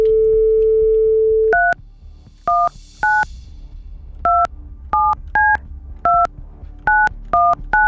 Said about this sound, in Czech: Tak já už jsem se to naučil vytáčet prostředníčkem.